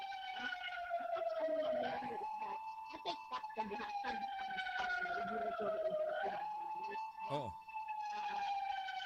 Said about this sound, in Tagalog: Eh sa kanyo tayo kay mura din ang taga dungog ganing siya ba ni ambulance or bumbero ba ni kakakusog musapaw mas muntingog